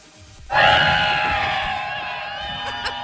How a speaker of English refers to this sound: And then they get excited because they see a bunch of people on inner tubes floating down this river. Okay. And they're hyped because, of course, the whole crowd is hyping them up. And it sounded like this.